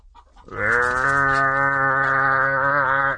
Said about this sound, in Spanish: Y se oía un bramadero de vacas.